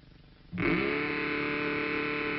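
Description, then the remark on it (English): After a brief quiet moment, a voice bursts into a loud, gravelly roar imitating a revving hot rod engine, as the sound wanted for a tricycle, holding it steady until the end. “Well, you can make it roar with Mattel's terrific new Baroom hot rodder engine.”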